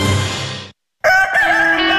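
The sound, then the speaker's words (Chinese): A rooster crows in two loud, harmonically rich bursts split by a short silence; the second part holds a strained, wavering high note. No one speaks. “哎，这雄鸡去哪儿了？”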